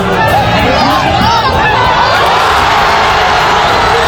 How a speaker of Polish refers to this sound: Cieszyli się francuscy kibice, a zaledwie 6 minut później ich szczęście powiększył Ousmane Dembélé.